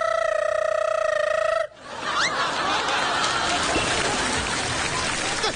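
A loud, steady electronic tone on a phone call sounds for under two seconds, then cuts off abruptly, giving way to a noisy, crowded background with faint chuckling.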